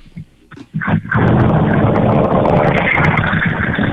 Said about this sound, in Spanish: Mi vida, si está en un carro, suba a la ventana que escuchamos solo el viento.